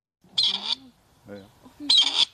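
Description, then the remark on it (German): Two harsh, rasping grey partridge calls, a creaky grating note repeated about a second and a half apart, with a softer lower sound between them, loud against a quiet background. “Dann könnte der Ruf des Rebhuhns künftig auch an mehr Orten in Deutschland wieder regelmäßiger zu hören sein.”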